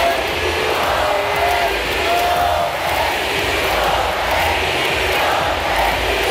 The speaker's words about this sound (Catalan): Seriós, aguanta, però els crits de bogeria del públic fan que li costi evitar el somriure.